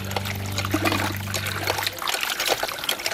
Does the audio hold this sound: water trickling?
yes